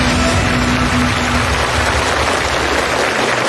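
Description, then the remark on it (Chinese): An audience at a construction machinery presentation applauds steadily for several seconds as an R&D representative is called onto the stage, a dense, even wash of clapping that holds at a constant loud level, with a faint low hum under the first second or so. “掌声请出研发代表。”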